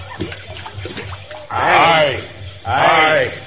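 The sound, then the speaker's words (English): Faint murmuring gives way to two loud, gushing water splashes in quick succession as a string of beads is thrown into a river as a sacrifice, each surge swelling and then fading. “Now we must take something of value and throw it into the river as a sacrifice to the Nia of the water.”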